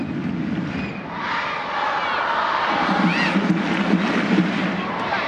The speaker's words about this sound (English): Crowd in Utah urging on their side as Suarez rolls it back to the center circle for Sams.